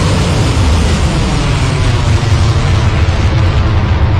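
A loud, sustained roar of rockets being fired, heard in a social media video posted by Iranian forces of themselves firing, a dense rumbling blast that holds steady for several seconds with no voices over it.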